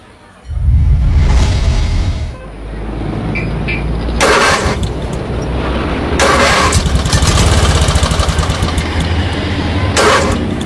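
A motorcycle engine cranks and sputters for several seconds in the morning without starting or settling into a smooth idle, with a few harsh, louder bursts as it struggles. Loud, no talking.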